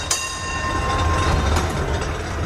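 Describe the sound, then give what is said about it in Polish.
A historic tram car rumbles along the rails of a museum tram line in Kraków, a steady low rolling noise with a sharp metallic onset and faint high squealing tones above, no voices. “4 historyczne wagony, które w ramach tego projektu trafiły pod Wawel, będą woziły przez najbliższe tygodnie mieszkańców i turystów na trasie krakowskiej linii muzealnej.”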